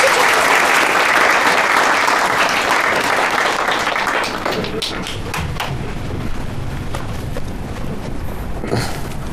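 A group claps in sustained, dense applause that stays loud for several seconds, then thins into scattered, uneven claps toward the end, as a colleague is invited up to share his experience of closing sales.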